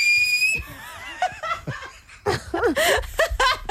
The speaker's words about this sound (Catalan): Va, xiular, home, xiular.